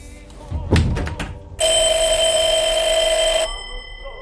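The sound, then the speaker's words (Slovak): A loud electric telephone bell rings in one sustained burst of about two seconds in a post office, preceded by a few short clattering knocks. “Zvoní telefón!”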